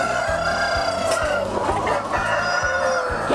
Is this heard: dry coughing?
no